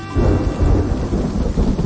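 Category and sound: nature, rainstorm with thunder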